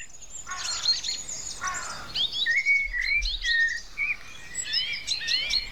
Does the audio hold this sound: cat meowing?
no